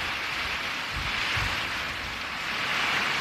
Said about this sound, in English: A driver's dash cam recorded the moment. The twister crossed the interstate, as you see right there, and another suspected tornado was captured north of Birmingham.